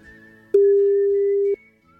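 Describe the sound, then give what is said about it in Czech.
A single one-second ringback tone sounds on an outgoing phone call to Mr. Zdeněk Troška from Rádio Kiss at 7 a.m. on a Sunday: a steady, loud, pure hum that starts and stops abruptly, with only faint line noise before and after. “Počkej, zavoláme v neděli v 7 ráno pana Troško.”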